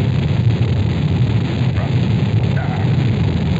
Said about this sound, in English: The engine's now building up to 7.7 million pounds of thrust. We have a launch commit and we have a liftoff. The swing arms moving back. The Saturn V lifting off the tower. Alpha pad building up thrust. We clear the tower.